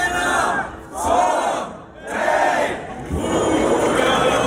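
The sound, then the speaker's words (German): A large crowd at the Lullusfest in Bad Hersfeld, Germany's oldest folk festival, shouts the festival's rhythmic battle cry in unison, loud waves of voices rising and dipping in about four bursts with brief lulls between them. “Aber so ist das halt beim Schlachtruf zum Lullusfest.”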